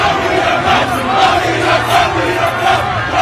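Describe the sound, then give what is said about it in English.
A large crowd celebrates in the streets of New York after the Knicks won the NBA title, roaring and cheering continuously, a dense wall of shouting voices with occasional louder whoops rising out of the din, loud and sustained throughout. “Crowds descending on the streets of New York after series MVP Jalen Brunson led the Knicks to their third league title, their first since 1973, with a 94-90 win over the San Antonio Spurs.”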